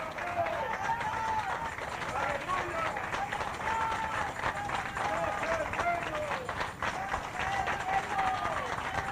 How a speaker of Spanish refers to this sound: ¡Otro aplauso a Cristo, hermanos! ¡Gloria a Dios!